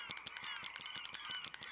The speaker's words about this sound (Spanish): ¡Y aves!